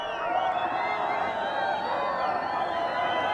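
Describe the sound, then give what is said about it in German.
A dense crowd of spectators at a horse race in Mongolia roars and shouts excitedly as the first riders near the finish, many voices blending into a loud, continuous wall of cheering that holds steady for a few seconds. “Wenn sich die ersten Reiter dem Ziel nähern, dann gibt es bei den Zuschauern kein Halten mehr.”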